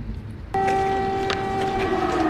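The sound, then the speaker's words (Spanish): A loud, sustained air raid siren in Kiev starts abruptly and holds a steady, droning tone over a rumbling background, with no speech, sounding while Chancellor Meatz inspects damage from a Russian drone attack on the National Academy of Sciences. “Sirenas antiaéreas se escuchaban mientras el canciller Meatz inspeccionaba los daños de un ataque con drones rusos contra la Academia Nacional de Ciencias en Kiev la semana pasada.”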